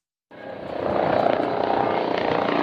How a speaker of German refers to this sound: Die zwei Hubschrauber der Bundespolizei landen auf dem Kaufbeurer Fliegerhorst, beide voll bepackt mit hochempfindlicher Messtechnik.